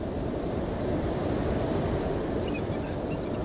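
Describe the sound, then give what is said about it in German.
Steady, full rushing wind blows without pause, the wind German troops waited for on 22 April to launch the first large poison-gas attack in war, a dense roar that holds the same loudness throughout, with a few faint high chirps slipping in near the end. “Die Deutschen haben auf den richtigen Wind gewartet. Jetzt ist er da.”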